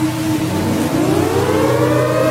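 A loud civil defense warning siren wails steadily, its tone slowly rising in pitch over a constant low rumble, with no voices present.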